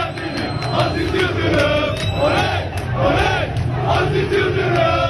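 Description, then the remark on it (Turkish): A large stadium crowd of Hakan Safi supporters chants loudly and steadily from the stands at presidential candidate Aziz Yıldırım during the vote count, many voices rising and falling together in a dense, continuous roar that fills the whole five seconds. “Aziz Yıldırım da bu seslerin yükseldiği o tribüne tam da tribünün önüne gelerek alkışlarla tepki veriyor ya da buradaydım buradaydım diyor.”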